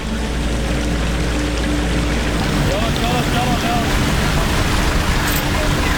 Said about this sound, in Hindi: पानी का भाव बहुत ज़्यादा तेज है कि कहीं गाड़ी बह ना जाए